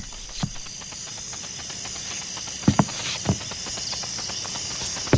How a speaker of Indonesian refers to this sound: Langkah kaki itu, jangan-jangan dia. Aduh, gimana nih?